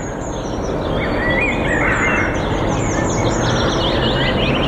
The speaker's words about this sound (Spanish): Lo que están escuchando de fondo ahora mismo... es el ambiente de un parque en pleno invierno. Pájaros cantando, aire puro, tranquilidad y calma.